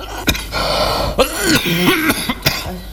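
A person with stone dust in the lungs coughs several times in short, harsh bursts, with rough throat-clearing sounds between them and no speech.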